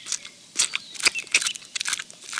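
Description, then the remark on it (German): A bee named Willi crunchily chews apple pieces, a quick irregular run of crisp, crackling bites and munches with bright, snappy edges, heard alone without talking. “Also Willi, seit wann isst denn eine Biene Apfelstücke?”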